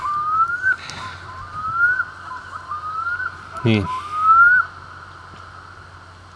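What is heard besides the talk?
loon calling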